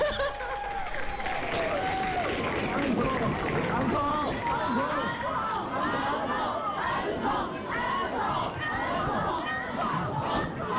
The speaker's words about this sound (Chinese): 食堂之夜毕业歌会完场的尾声，在观众高喊返场的欢呼声中